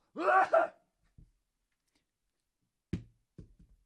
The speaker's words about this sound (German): Ich werde dafür demonstrativ niesen in meine Armbeuge.